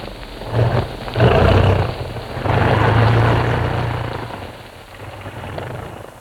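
A propeller airplane's engine drones loudly as the plane flies over a town, turns inside a very wide valley between two slopes and lands at Cusco in 1953, swelling in two strong surges before easing back to a lower, steadier rumble. No one speaks.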